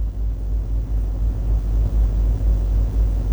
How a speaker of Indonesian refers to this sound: Dapat kita saksikan situasi arus lalu lintas dari arah Sungai Lulut menuju Veteran dan Gatot menuju Banua Anyar, situasi terpantau aman dan lancar.